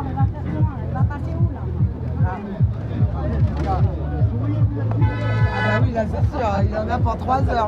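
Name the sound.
truck horns honking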